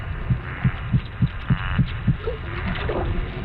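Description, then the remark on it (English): Underwater popping made by a bony fish's sonic muscles pulling and pushing as water is released: about seven low, muffled pops at a steady pace, like a slow heartbeat, then fading into a soft wash of background hiss. No one speaks. “And as that water is released, that's what's making those popping sounds.”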